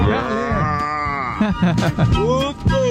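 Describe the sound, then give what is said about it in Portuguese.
A man's voice imitates a cow with a long, drawn-out moo lasting over a second, loud, followed by brief bursts of talking and laughter. “Manda um mugido aí pra esses boi aí, puxador de ração JBS.”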